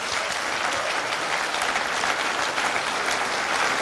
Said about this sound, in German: Und wir geben euch jetzt einen grossen Applaus und einen grossen Dank.